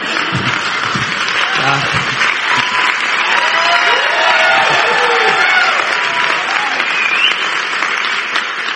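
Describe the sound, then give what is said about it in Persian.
Sustained, dense applause from a large audience fills the whole stretch at a steady loud level, with a few cheers and shouts rising above the clapping. “اینقدر تشویق نکنید، امشب کیانو ری میاد تو خوابم.”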